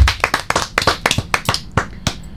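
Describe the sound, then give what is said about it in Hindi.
A group of children clap their hands after a child recites poems, a quick, slightly uneven burst of sharp claps that overlap into a brief round of applause, fairly loud, with no talking. “सारे बच्चे ताली तो बजा दो।”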